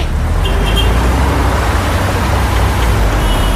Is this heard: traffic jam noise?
yes